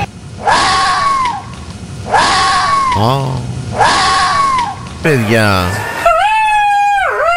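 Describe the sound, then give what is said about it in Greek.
Fox calls: three harsh, wailing screams repeat at a steady pace, loud, with a person's voice breaking in between them before one last drawn-out cry. “Οι αλεπούδες κάνουν έτσι.”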